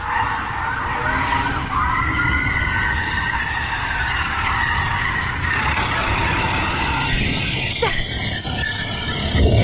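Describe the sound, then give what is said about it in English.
Tires screech and skid continuously while car engines roar as a police car chases a felon through a suburban street in America, with a faint siren-like wail rising and falling underneath the noisy, chaotic chase. “That's the police car chasing the felon.”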